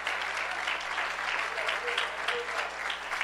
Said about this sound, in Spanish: Les saludamos con un fuerte gloria a Dios esta noche. Aleluya. Dele ese aplauso al Señor con alegría.